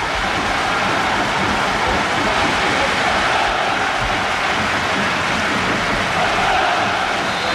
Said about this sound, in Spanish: El sonido es el de la lluvia. Es el de la lluvia. Sí.